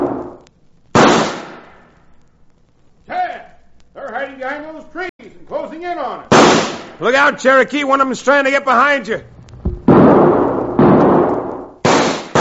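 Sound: carbine gunshots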